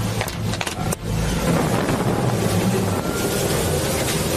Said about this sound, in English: Florida Keys, a deputy and a Customs Border Patrol agent teamed up to stop a runaway boat. Authorities say The boat kept going at more than 35 miles an hour after several teenagers on board just fell off.